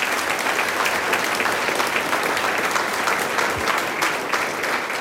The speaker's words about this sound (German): Applaus für die …, muss ich jetzt einmal.